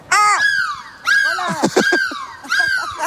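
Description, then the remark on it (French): A person loudly imitates a seagull's cry as a goodbye, with three shrill, wavering squawks that slide downward in pitch, the middle one breaking into choppy, laugh-like yelps. “Tu le quittes, j'ai envie qu'on se quitte, on se dit au revoir, on crie de la mouette.”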